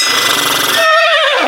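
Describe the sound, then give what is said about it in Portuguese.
A horse whinnies loudly, a harsh, noisy burst that turns into a shrill, quavering tone before trailing off, heard alone without any talking. “Fala, cavalo.”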